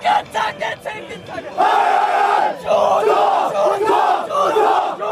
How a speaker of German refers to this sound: Die Siegesgesänge des Burger BC nach dem Abpfiff waren nicht zu überhören.